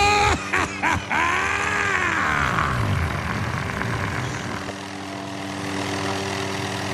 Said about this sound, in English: Oh, geez, they're landing on the front lawn. Black helicopters!